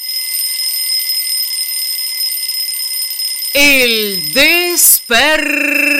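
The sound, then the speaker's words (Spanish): A steady electronic alarm clock tone rings continuously and fairly loud, then a voice breaks in over it near the end with drawn-out, swooping speech. “despertador.”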